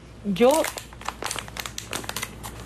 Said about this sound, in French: Ce sont des sifflets bien spéciaux. Attends, j'essaie d'ouvrir ce paquet. Ces sifflets sont utilisés pour les urgences.